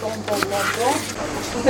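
Plastic cling film being handled, a steady crinkling and rustling with small crackles, fairly loud and continuous for under two seconds, ending with a slightly sharper rustle.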